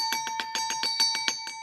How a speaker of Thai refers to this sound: แหมอาจารย์คะเสียงกระดิ่งดังเหลือเกินนะคะอาจารย ์โอ้โหมันกล้องกังวานไปเหลือเกินนะ ใช่ค่ะแสดงว่าอาจารย์ฟิตมากวันนี ้